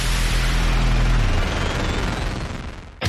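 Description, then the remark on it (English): A loud, dense barrage of fireworks finale cake explosions, with deep booms at the start giving way to rapid, continuous crackling pops that end abruptly after about three seconds. No voices. “When you're putting on a big fireworks show, you need the biggest finale cake.”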